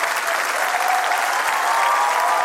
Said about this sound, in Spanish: Te bendecimos en esta noche, Señor. Dele fuerte ese aplauso a Él.